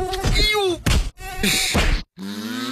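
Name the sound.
mosquito buzzing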